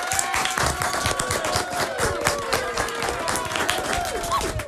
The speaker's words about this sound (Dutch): Dank jullie wel ook. En nog een keer applaus voor jullie zelf ook.